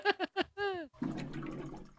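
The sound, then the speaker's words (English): A few hollow glugs from a water cooler in quick succession, then a steady rush of running water that continues to the end as it dispenses. “It is exactly the glugging of a water cooler.”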